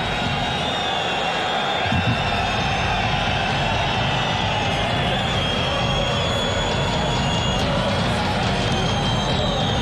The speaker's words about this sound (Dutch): Andronikos Kakoulis vervangt spits Diony. Dat is een spits voor een spits. Deze Kakoulis heeft de eigen jeugd van Nicosia. Dus is het applaus extra groot.